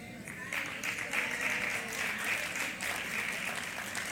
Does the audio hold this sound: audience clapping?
yes